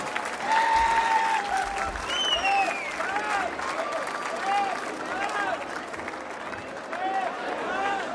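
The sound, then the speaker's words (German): An audience applauds steadily throughout, a dense wash of clapping with a few whistles and cheers rising above it. “Dein Applaus.”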